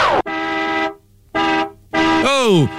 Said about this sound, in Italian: Oh, coglione, ma che cazzo fai con sto clacson? Scemo, piantala, oh!